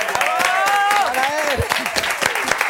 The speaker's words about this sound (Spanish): ¡Un aplauso!